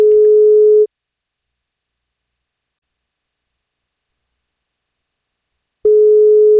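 A telephone ringback tone from an outgoing birthday wake-up call made by radio station NFM: a steady mid-pitched beep sounds briefly, followed by about five seconds of silence, then the next ring begins, clear and fairly loud.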